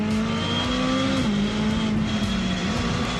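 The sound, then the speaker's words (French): A 600LT sports car engine roars loudly at full throttle on the circuit of La Ferté-Gaucher, accelerating to 200 km/h, a sustained droning tone that dips briefly twice as if shifting gears, with steady road and wind noise underneath and no voices. “Et un des points forts de cette voiture, hein, c'est qu'on accélère à fond.”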